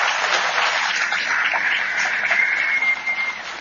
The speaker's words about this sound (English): Our panelists have been incredibly generous with their time. Give them all a round of applause, please.